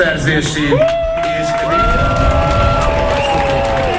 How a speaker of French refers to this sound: Mettez-les en prison, scande la foule.